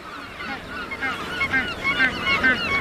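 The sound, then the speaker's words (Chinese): A dense chorus of thousands of Magellanic penguins calling from a nesting colony on the beaches of the Valdés Peninsula in Patagonia, overlapping honking and braying cries that build in loudness, with several individual birds standing out over a continuous background din. “在巴塔哥尼亚，成千上万只麦哲伦企鹅在瓦尔德斯半岛的海滩上筑巢。”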